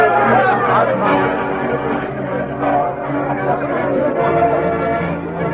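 A lively crowd chatters and cheers together, celebrating a new sheriff's election victory, a dense wall of overlapping voices at steady volume, continuous throughout with no single voice standing out.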